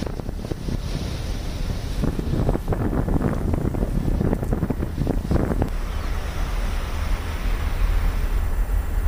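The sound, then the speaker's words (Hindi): Gusty seaside wind roars across the microphone with crashing surf at a Mumbai beach on a morning of light monsoon drizzle, where people are out on morning walks; loud and steady throughout, surging in bursts for the first half before settling into a lower, constant rumble. No one speaks. “कई इलाकों में रात भर से बारिश हो रही है और मुंबई में तो कई दिनों से लगातार बारिश हो रही है, लेकिन उस बीच सुबह सुबह जब बारिश थोड़ी धीमी है और हल्की फुहारें पड़ रही हैं, लोग मॉर्निंग वॉक का मजा लेने के लिए बीच के किनारे पहुंच चुके हैं।”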